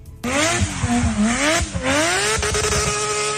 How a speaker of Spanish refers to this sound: Y es que el rugido de los motores, la emoción de los aficionados y la presencia de más de 10.000 personas marcaron una jornada distinta en el Gran Malecón de Barranquilla